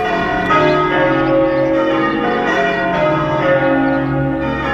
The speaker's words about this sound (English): Yes, you know what those bells mean, don't you? It's wedding time here on the show.